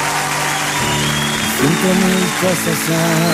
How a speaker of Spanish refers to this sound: Un aplauso bien fuerte para esta seguidora, por favor.